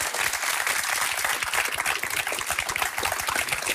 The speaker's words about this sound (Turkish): Böyle daha iyi. Canlı daha iyi değil mi? Böyle bir alkış ama canlı daha iyi.